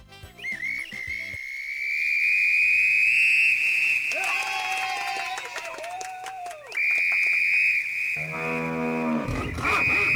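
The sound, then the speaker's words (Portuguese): A whistle sounds a loud, steady high note that holds for several seconds, breaks, then sounds again, with deep mooing cattle-like lows rising beneath it. “Fui só apitar aqui, já começou a alarmar.”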